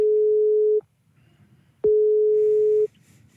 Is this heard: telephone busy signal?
yes